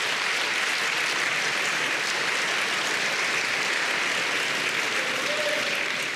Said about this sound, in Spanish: Vamos a darle un aplauso al Señor si quiere aplaudir.